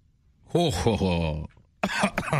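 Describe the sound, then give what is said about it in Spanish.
A voice acts out a theatrical, drawn-out evil laugh with falling pitch, then after a brief pause breaks into a couple of rough, choking coughs, loud. “Triunfante, el vampiro quiso celebrar su victoria, se llevó las manos a la cintura, miró al cielo y soltó una carcajada malvada que terminó en tos porque se ahogó con su propia saliva.”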